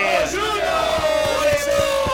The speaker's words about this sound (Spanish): Luego con esa cancioncita, el aplauso